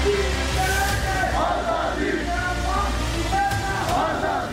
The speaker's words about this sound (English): Slogans such as "Hum Chheen Kar Lenge Azadi" and "Pakistan Army Go Back" echoed through the protests.